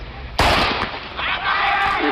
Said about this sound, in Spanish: Podemos decir que la carrera comienza con el disparo, pero el sonido tiene que llegar al oído. El cerebro tiene que procesarlo.